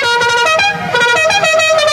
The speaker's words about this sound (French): Non mais ça va, le mec avec son klaxon de mariage, ouais, tranquille. Ouais, c'est vrai, ça c'est un klaxon de routier, ça, hein.